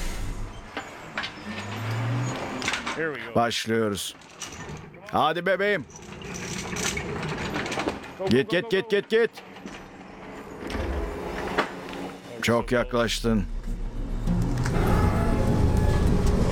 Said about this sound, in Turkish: Uç kısmını öne eğecek, biraz gevşetecek, frene basacak. Ve makinenin geriye gidip freni aniden kesmesiyle kütüğün engellerin üzerinden atladığını görürsünüz. Bunu başarmak kolay değil